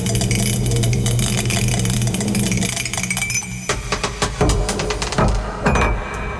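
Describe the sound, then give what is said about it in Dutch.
A small die, rolled in a game to choose a category, spins with a steady, low mechanical whir for several seconds, then breaks into a burst of irregular, sharp rattling clicks and knocks before it settles on number 4. “Hij is nu aan het tollen, zeg maar, dat dobbelsteentje.”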